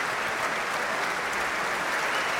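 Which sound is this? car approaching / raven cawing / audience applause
audience applause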